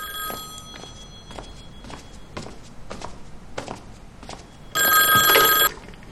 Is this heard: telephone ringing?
yes